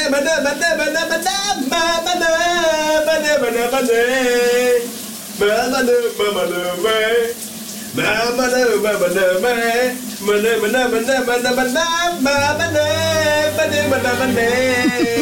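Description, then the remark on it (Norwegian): A man sings a wavering, melodic tune over the steady hiss of a running shower, the spray continuing beneath his voice throughout, with a couple of short pauses in the singing. “Noget andet, der absolut også er smukt, det er dagens brusebadshit, i hvert fald den originale version.”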